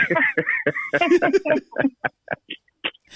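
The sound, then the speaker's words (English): A rooster in Gambia crows with a strained, high-pitched call at the start, followed by a string of short, choppy squawks that fade into brief bursts and silence. “I'm sure you can hear the cock-a-doodle-doo in Gambia.”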